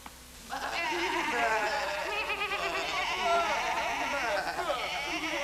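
A flock of sheep bleats together, many wavering, overlapping calls blending into a loud, continuous chorus that begins after a brief quiet moment and carries on to the end.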